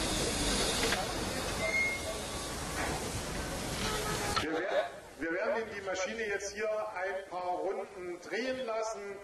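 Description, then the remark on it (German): A loud, steady blast of hissing steam from a steam locomotive's cylinder drain valves, opened to flush and preheat the cylinders with steam and clear out condensate water, fills the first half, then cuts off abruptly as a man begins talking over quieter background noise. “Und wenn eine Dampflok lange stand, werden diese Ventile bedient, der Zylinder nochmal mit Dampf erhitzt, sodass es dort kein Kondenswasser mehr drin gibt und Schäden am Zylinder vermieden werden.”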